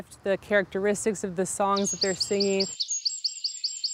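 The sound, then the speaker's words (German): Native songbirds sing a rapid, repeating series of high, bright chirps in a steady rhythm. A voice talks over the first half, then the birdsong carries on alone, clear. “Ganz schön clever, unsere heimischen Vögel.”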